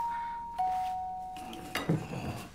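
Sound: doorbell ringing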